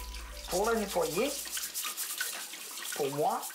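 A steady hiss of running tap water with rubbing brush strokes as freshly gathered truffles are scrubbed clean of soil and dirt at a truffle farm, broken twice by short voiced sounds rising over the splashing flow.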